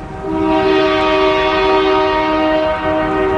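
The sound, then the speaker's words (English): A loud train horn blares in one long unbroken blast, its steady multi-tone chord holding for several seconds with no voices, as a train calls for a lift bridge over a canal. “The bridge is actually in the up position at all times until a train calls for it.”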